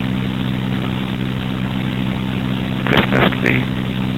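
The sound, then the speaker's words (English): Garbage trucks doing sanitation work around 12:45 at night: a heavy diesel engine idles with a steady low rumble, and near the end a few brief harsh bursts break through, like mechanical clanks or hydraulic hisses. “The eloquent sounds of garbage trucks that were doing the sanitation work that you're doing, I think.”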